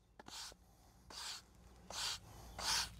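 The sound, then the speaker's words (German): A pool attendant's broom sweeps in four steady, evenly spaced strokes, each a soft bristly swish, moderately loud against a quiet, empty background, in the afternoon at the closed, empty natural outdoor swimming pool in Kreuztal-Krombach. “Das einzige Geräusch, der Besen”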